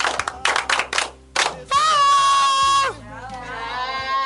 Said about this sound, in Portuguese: Palmas para Deus!